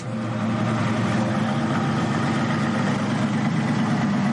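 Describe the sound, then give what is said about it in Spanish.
A safari vehicle engine idles steadily at 7 in the morning, ready for a photographic safari with a small number of visitors: a continuous low rumble with a dense, even mechanical drone that holds constant throughout, with no voices. “A las 7 de la mañana, los coches están preparados para realizar un safari fotográfico con un reducido número de visitantes.”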